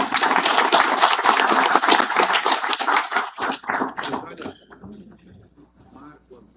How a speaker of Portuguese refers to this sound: Também anunciamos a presença da nossa querida Rutineia, presidente da Câmara Brasileira do Turismo, a quem pedimos uma salva de palmas.